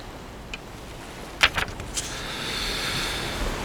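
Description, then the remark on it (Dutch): Ocean waves wash in, with a few brief splashy bursts followed by a steady, moderately loud rush of surf. No one speaks. “En ja, op het einde voeg ik daar dan een slokje oceaan aan toe.”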